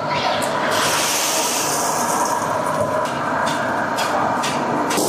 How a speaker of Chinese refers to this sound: 将之前准备好的粉丝下入油锅内进行炸制。